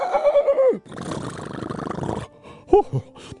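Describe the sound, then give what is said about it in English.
A galloping horse gives a loud, falling whinny as it stops abruptly, digging its front hooves into the dirt, followed by a rough, scraping rumble for over a second and then a short, sharp snort-like cry. No voices are heard. “The horse dug his front hooves into the dirt and stopped immediately, all his muscles shuddering from the jolt.”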